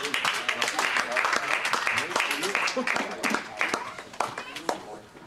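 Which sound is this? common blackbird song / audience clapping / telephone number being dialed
audience clapping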